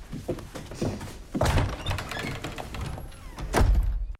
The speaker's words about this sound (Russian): Отец смотрит на закрывшуюся дверь, вздыхает.